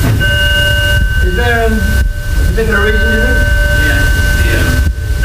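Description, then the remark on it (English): A fire alarm sounds as a steady, unbroken high-pitched tone running through the whole stretch, while people keep talking over it. “Oh, well, right in the middle of a fire alarm.”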